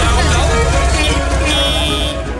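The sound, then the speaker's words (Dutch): Busy street noise with a steady roar of traffic, car horns tooting among the rumble, and a murmur of voices in the background. “Ja, ik zat even te denken aan, nou, ik hoorde die muziek en dat getoeter.”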